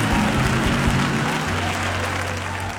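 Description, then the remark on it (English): A church audience claps their hands in a dense, sustained wash of applause, loud, with a low hum and faint crowd voices underneath. “Come on, clap your hands and let's bless God.”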